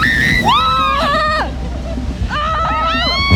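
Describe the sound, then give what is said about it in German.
Riders on an amusement park water ride scream in long, wavering cries over a steady rush of churning water and ride noise, loud, with two bursts of screaming separated by a brief lull. “die ist gerade auf der Wasserbahn unterwegs und da geht's zünftig zu”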